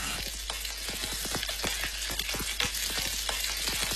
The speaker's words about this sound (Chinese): 鸡块在热力的烘托下，逐渐呈现出微黄，鸡肉的鲜香被锁住。